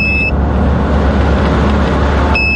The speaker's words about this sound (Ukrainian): В цей час розвідники зі 131-го бату на своїх немолодих корчах вже мчать на позицію.